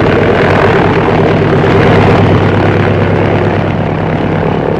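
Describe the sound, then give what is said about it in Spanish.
A small propeller plane takes off quickly from the city of Tuxtla Gutiérrez, Mexico, its engine roaring at full power, droning loud and steady with a buzzing, pulsing propeller tone. No voices. “controló el timón y la pequeña avioneta levantó el vuelo rápidamente.”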